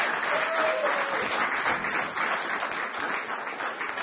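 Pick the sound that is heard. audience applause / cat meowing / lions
audience applause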